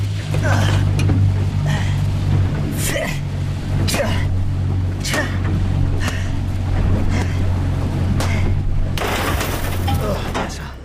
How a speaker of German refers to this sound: Das Boot rast auf direktem Kurs zurück zum Resort. Abspringen bei Jetantrieb?